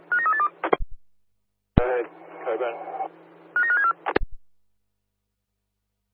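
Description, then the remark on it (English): Two short bursts of rapid stepped electronic tones, a phone keypad dialing a mobile phone, bracket a brief stretch of someone talking over a crackly radio-like channel. “Yeah, no luck on the mobile phone.”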